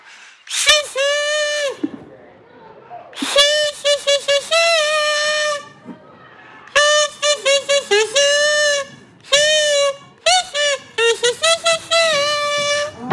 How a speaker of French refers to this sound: je prends mon casou et je vous joue une célèbre chanson d'une artiste que j'aime énormément